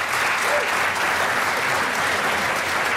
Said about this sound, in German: Man wird klatschen. Herzlich natürlich.